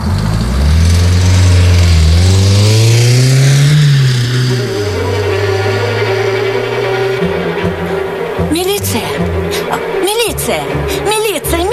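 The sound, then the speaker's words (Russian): A car engine revs loudly, its pitch climbing and then settling into a steady hum as the car pulls away, with brief voices over the running engine near the end. “Спросил, где объезд. Я же сказал, знаю. Ну а видишь, стройка. Все обгорожено. Шлагбаум открыли. Трогай.”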